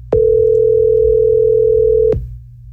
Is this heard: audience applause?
no